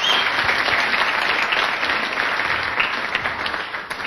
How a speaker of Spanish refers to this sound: Amén. Damos fuertes palmas al Señor Jesús.